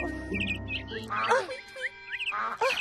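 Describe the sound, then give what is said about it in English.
Ducks quack in two short, raspy bursts, fairly loud, while small birds keep up quick high chirps and tweets throughout. “But the birds never quit tweeting and never quit quacking.”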